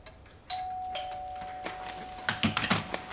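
A doorbell rings with a clear, sustained electronic tone that rings on for a couple of seconds, while sharp clattering and rustling noises pick up toward the end. No one speaks.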